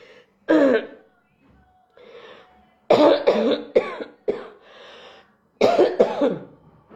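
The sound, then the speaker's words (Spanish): A harsh coughing fit from a speaker with a heavy cough: one hacking cough, a short pause with faint breathing, then several clustered bursts of rough, wet coughs in quick succession. “En una campaña donde me viene la tos porque estoy con mucha tos.”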